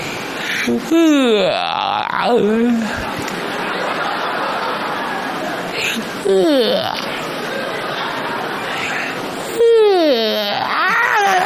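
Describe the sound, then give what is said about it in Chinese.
A voice lets out three long, drawn-out yawning sounds whose pitch sags and rises, spaced a few seconds apart, made while trying to find a vocal fry ("bubble voice") tone with a longer tail, with other people chattering in the background between them. “我 不是打哈欠会不会、啊？ 打哈欠会啊！”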